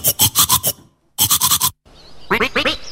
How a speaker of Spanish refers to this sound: Escucha este sonido. Es el sonido que hacemos cuando nos cepillamos los dientes.